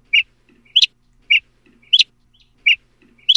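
A mockingbird mimics the long call of a northern flicker, a woodpecker, in three loud pairs of short bright notes, each pair a lower note followed by a higher-pitched one, with no talking.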